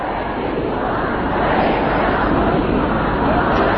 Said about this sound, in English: Well, as we can hear there, mourners fill the city of Mashhad for the last of several days of funeral proceedings. Crowds shouted slogans against any compromise with the US and denounced the American and Israeli leaders.